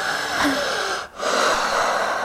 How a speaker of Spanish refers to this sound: Pues respiración profunda por la boca. Profunda, eso es todo.